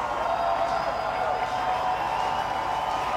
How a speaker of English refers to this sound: This crowd getting loud. Missions one strike away from their 20th victory of the season.